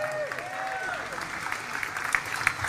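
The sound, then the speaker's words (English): A crowd claps steadily in a dense, continuous patter, with a few rising whoops or cheers near the start and sharper claps standing out toward the end, applauding Norwood Football Club for hosting the Community Cup event. “First and foremost, I'd like to everyone to give a round of applause to the Norwood Football Club for hosting the event.”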